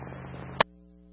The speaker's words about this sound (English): 20 Adam, I still can't copy. There's bad static.